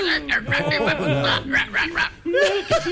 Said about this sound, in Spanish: ¡Este perro! ¡Ay, oiga! ¡No, no, mano! ¡Maldito perro! ¡Métase!